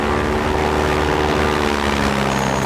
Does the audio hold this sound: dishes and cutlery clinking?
no